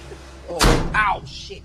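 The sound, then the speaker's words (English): A heavy old door slams shut with a single loud thud, followed by a brief squeaky, resonant rattle as it settles. “So how old was that door? It sounded like you were closing the 1800s there.”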